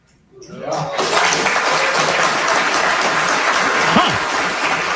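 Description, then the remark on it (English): A crowd at a Marxism conference bursts into loud, sustained applause that swells within the first second and holds steady, dense clapping with scattered cheers mixed in. “To a rousing applause.”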